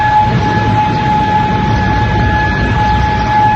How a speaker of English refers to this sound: Air sirens went off across Kuwait City earlier today. Iran said it targeted American soldiers in Kuwait with missiles, which the U.S. says it shot down today.